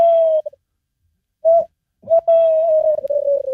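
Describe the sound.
A tawny owl hoots: a long steady hoot, a pause, a short hoot, then a drawn-out wavering hoot, clear with no other sounds.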